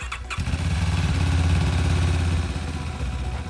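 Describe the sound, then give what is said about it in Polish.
A new motorcycle ambulance of a regional medical rescue station, used only for transporting blood and plasma, starts with a brief crank, then runs at a steady, loud, rumbling idle, with no voices. “Nowy motoambulans w Wojewódzkiej Stacji Ratownictwa Medycznego.”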